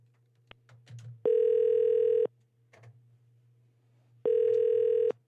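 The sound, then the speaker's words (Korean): Two long, steady ringback tones sound on a telephone line as a Far East Broadcasting (극동방송) radio show connects a call to a listener, each lasting about a second with a pause between, over a low line hum and faint clicks. “전화 연결 한번 해보겠습니다.”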